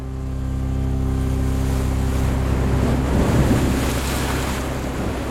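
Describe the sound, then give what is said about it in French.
A motorboat's engines drone steadily as the boat speeds away from a mother ship, while ocean waves and rushing wind build into a loud, churning wash around it in a heavy sea swell, with no voices. “le jeune capitaine, met les moteurs et on s'éloigne rapidement du bateau-mère.”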